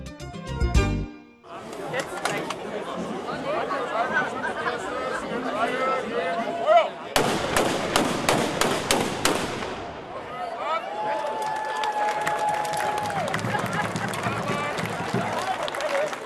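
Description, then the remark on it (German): Loud black-powder salute cannon shots boom out one after another, with a dense cluster of sharp blasts midway, over the steady murmur of a crowd chatting outdoors. The shots are fired by a marksmen's guild to open the 2026 local and marksmen's festival in Zerbst. “Mit einem Böllerschießen gab die Schützengilde Zerbst den Startschuss für das Heimat- und Schützenfest 2026.”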